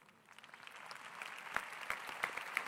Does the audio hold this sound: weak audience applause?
yes